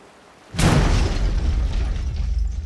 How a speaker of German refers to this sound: Na, das ist ja mal eine Begrüßung. Eine Explosion.